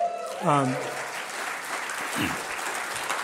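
A crowd applauds steadily, a dense wash of clapping from a sizeable audience, with a brief cheer or vocal whoop rising near the start.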